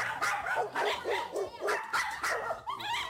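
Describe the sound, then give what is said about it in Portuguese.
Several dogs at a dog kennel bark in overlapping bursts, a busy chorus of yaps and woofs with no pause, loud, some higher-pitched yelps mixed among deeper barks. “Viemos ao canil, são vários cães.”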